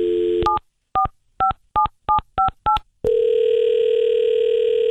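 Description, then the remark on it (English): A telephone dial tone cuts off into seven quick touch-tone beeps in an even rhythm as a number is dialed to call Lakes Area Cosmetic Bar, followed by a loud, steady humming line tone. No one speaks. “I had to call.”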